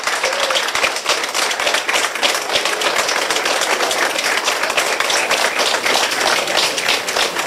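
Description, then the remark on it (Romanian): Workers and authorities applaud underground in Romania's longest motorway tunnel, celebrating the joining of its two galleries after 2 km of excavation: dense, steady clapping from many hands that stays loud and continuous for the whole stretch, with no clear voices on top. “Muntele a fost răpuns complet pe o distanță de 2 km, iar momentul a fost sărbătorit cu aplauze în subteran de muncitori și autorități.”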